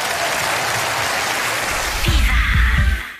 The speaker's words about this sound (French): Fabien Le Castel, mesdames et messieurs, applaudis très fort.